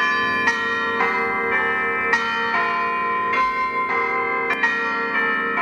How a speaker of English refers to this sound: how about bell ringing? Here at St Clements at Yass, we're building a new bell ringing team.